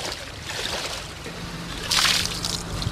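Water sloshes and swirls steadily, with a louder splashing surge partway through, like legs pushing through deep moving water, while wading through knee-deep flood water with a current in České Budějovice. No one speaks.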